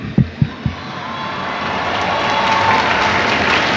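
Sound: crowd applauding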